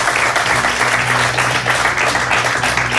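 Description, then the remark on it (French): Sustained applause from an audience at a prize presentation, welcoming Anne-Laure Jacquemart, chief financial officer of IKEA: a dense, steady wash of many hands clapping at an even loudness throughout, with a low hum running underneath and no voices standing out. “Et pour remettre ce prix, merci d'accueillir Anne-Laure Jacquemart, directrice financière d'IKEA, que l'on peut applaudir.”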